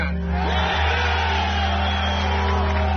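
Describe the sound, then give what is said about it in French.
A large crowd at the rubble of the September 11 attacks in New York shouts and cheers during a speech by President George W. Bush, in a continuous, dense roar that fills the whole moment, loud and steady with no pauses, accompanied by a low electrical hum. “On ne vous entend pas, crie la foule.”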